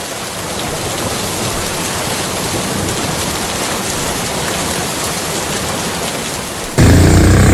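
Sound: thunderstorm with heavy rain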